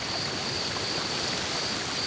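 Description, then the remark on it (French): A flowing stream rushes and babbles steadily in a forest of the Massif Central, mixed with a soft wash of wind through trees. The broad, even hiss stays constant throughout, with no voices or distinct animal calls. “J'entends un cours d'eau et du vent dans les arbres, mais pas de son bestiole.”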